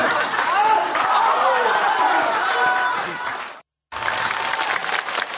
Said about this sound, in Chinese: 尤其您啊，您往台上一走，这掌声跟别人不一样啊， 观众就这么热情。